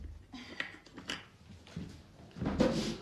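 A drawer of a wooden desk with many drawers scrapes and slides open, with a few light knocks early on and a louder, rumbling pull near the end, with no talking.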